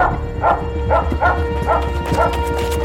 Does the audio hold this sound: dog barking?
yes